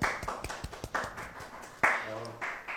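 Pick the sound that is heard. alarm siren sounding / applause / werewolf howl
applause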